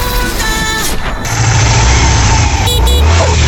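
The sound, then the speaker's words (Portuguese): A motorcycle engine roars, loud and steady, swelling a little louder partway through as it passes, with a high whine riding over the rumble. “Ô, Bolota, de novo atrás de moto, rapaz?”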